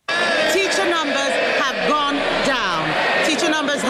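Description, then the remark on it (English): A large group of Labour MPs on the Labour benches of the House of Commons cheering and shouting at once, a loud, continuous roar of overlapping voices with rising whoops, sustained for several seconds without a break. “I've never seen this much excitement on the Labour benches. Yes, cheering so loudly while there are 400 knives stuck in his back.”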